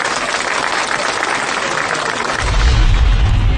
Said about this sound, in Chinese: 嗯，好，好，有进步。 哎，让我们为自己鼓鼓掌吧，好不好？